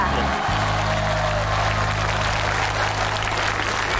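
An audience claps steadily for about four seconds, a dense, even wash of many hands with no voices over it and a low hum underneath.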